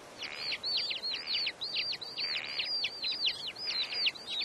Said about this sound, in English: It is summer, and the Mongolian lark, a native bird of the Dornod grassland, surveys its surroundings.